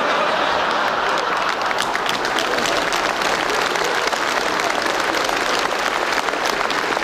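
Sustained applause from an audience, a dense, steady wash of many hands clapping at once, loud and close, continuing throughout without pause.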